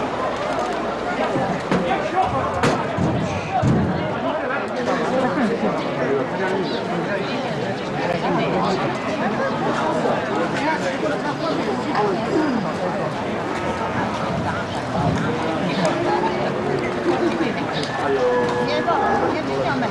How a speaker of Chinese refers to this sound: 这就是光明县奶牛交易市场啊！你们看看啊！